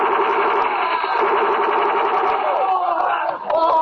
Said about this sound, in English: The truck skidded and started to make a turn and come back toward me.